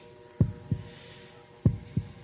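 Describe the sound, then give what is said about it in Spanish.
A heartbeat sound effect on a quiz show thumps twice in a lub-dub pattern, two deep, muffled double beats at a slow steady pace over a faint background hum, with no voices. “Estamos escuchando los latidos del murciélago.”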